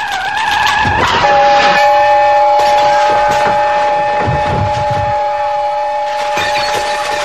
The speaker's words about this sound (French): La tête de Roger se transforma en sifflet à vapeur, puis émit un son strident et ce fut l'explosion assourdissante